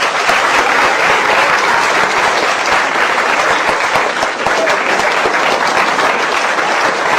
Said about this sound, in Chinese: 你看 那位戴眼镜的小姐，她旁边那，别客气，男同胞给鼓励鼓励。哎，别客气。 大家给点掌声。